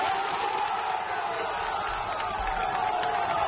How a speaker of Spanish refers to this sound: El aplauso de la afición.